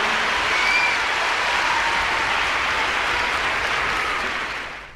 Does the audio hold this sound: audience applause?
yes